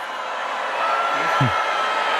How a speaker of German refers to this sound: Ja, und dann wurde er kräftig ausgebuht. Tja, passiert auch nicht so häufig.